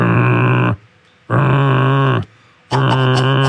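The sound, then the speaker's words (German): A voice imitates a glowing oil stove that vibrated because it got too little oxygen while oil ran into it unchecked, with three loud, buzzing, low-pitched drones, each under a second long and separated by short silences. “habe den angesteckt, bin runter zu meinen Eltern, ein bisschen Fernsehen geguckt, bin wieder hoch, komme ins Zimmer rein und da steht ein glühender Ölofen, der solche Geräusche macht.”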